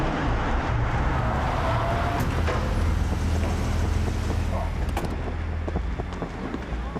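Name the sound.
car driving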